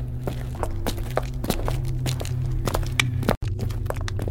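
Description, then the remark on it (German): Steady footsteps with long strides walk along the hard floor of a corridor at a brisk, even pace, clear over a low hum, with a brief dropout near the end and no talking. “ging mit großen Schritten voraus, öffnete jede Tür und fand zunächst nur leergeräumte Büroräume.”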